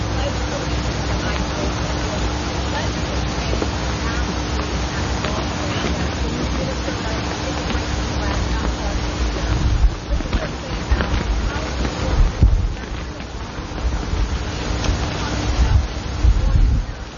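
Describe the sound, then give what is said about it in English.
Steady wind blows outdoors, a continuous low rumbling roar that buffets the microphone, with stronger gusts in the second half and a faint murmur of voices beneath it. “It's a beautiful day, although it's a bit windy for my taste.”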